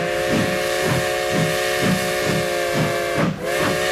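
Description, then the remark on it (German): A steam train whistle blows a steady, multi-toned chord over continuous hissing steam, while rhythmic chuffing pulses about twice per second underneath; the whistle briefly dips near the end. “Unser Express ist wieder unterwegs.”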